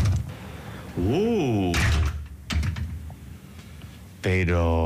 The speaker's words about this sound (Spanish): Bueno, ¿abrimos la puerta? Venga. Sí, venga. Vamos. Vamos adentro. Vamos, ahora mismo. Venga. Ahí la llave, que no quiere salir.